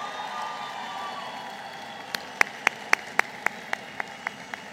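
A steady crowd murmur, then a run of about a dozen sharp, evenly spaced claps in a quick, regular rhythm that slowly fade as the audience applauds together for Francisco Barrio Terrazas.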